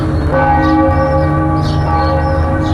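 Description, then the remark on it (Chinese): In the early morning in the old Lingnan town of Chikan, China, a bell rings out from a distance, one strike whose deep, resonant tone hangs and slowly fades over a steady low background hum, with no voices present. “清晨，悠远的钟声把古镇从睡梦中唤醒，这里的人们已经习惯伴着钟声开始一天的生活。”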